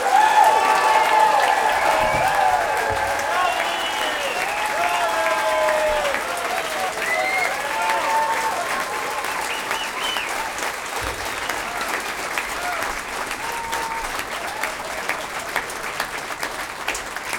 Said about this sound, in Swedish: den varmaste och största och högljuddaste applåder för den här stråkorkestern!